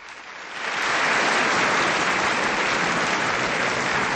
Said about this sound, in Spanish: Les vamos a dar un aplauso.